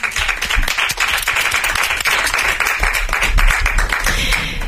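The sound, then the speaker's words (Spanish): Loud, sustained applause from a studio audience for a guest who has just sung fills the whole stretch, a dense wash of many hands clapping at once with a steady, crackling texture and no pauses. “Un aplauso para”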